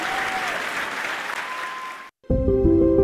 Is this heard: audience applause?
yes